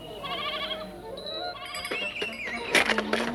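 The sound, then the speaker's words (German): A goat bleats several times in quick succession, its wavering, nasal cries loud, with a sharper bleat near the end and no talking. “Ich tue deiner Ziege doch gar nichts!”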